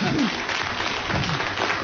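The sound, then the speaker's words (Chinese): Steady, warm applause from a group welcoming a person to sing fills the whole moment, a dense even patter of clapping with no pauses, moderately loud. “各位用热烈的掌声欢迎他唱唱歌吧。”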